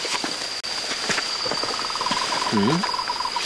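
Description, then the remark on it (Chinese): A frog, named in the talk as the 末世鼠 ("moshi shu") frog, calls from inside a hole whose echo amplifies the call: a steady run of quick, rattling pulses with a slightly hollow tone, set against a constant high insect trill and night ambience. A voice murmurs briefly midway. “因为这个声音如果没听错的话，它应该是末世鼠哦。”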